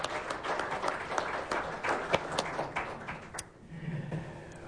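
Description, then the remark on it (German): An audience applauds in a dense, steady patter of many hands clapping, then the clapping thins out and fades as a voice begins to speak. “Herzlichen Applaus”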